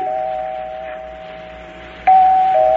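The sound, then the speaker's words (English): The doorbell of an apartment chimes with a sustained, ringing electronic tone, rung again and again, then strikes once more more loudly near the end. It sounds clear, with no voices. “I rang the bell. Kept ringing and ringing.”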